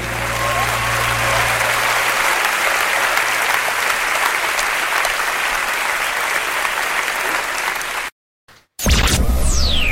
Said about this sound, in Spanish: Un aplauso